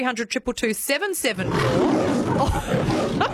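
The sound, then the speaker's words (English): A short burst of voice opens, then a loud, deep lion roar from a film studio logo swells in and rumbles on for about two seconds, rough and sustained, filling the sound. “Is it the lion in the Paramount thing?”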